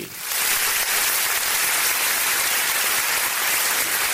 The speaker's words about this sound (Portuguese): Vamos dar uma salva de palmas. Cadê a salva de palmas aqui pro meu amigo Leandro?